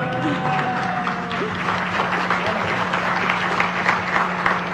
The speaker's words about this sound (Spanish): Y bueno, el primer lugar, pues obviamente me llena de muchísimo orgullo y quiero que le aplaudan muy, muy fuerte porque es para el Noticiero Científico y Cultural Iberoamericano.